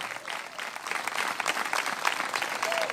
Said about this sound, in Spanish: ¿Cuántos tienen gozo todavía? De verdad, tiene gozo. Dele fuerte aplauso al Señor esta tarde.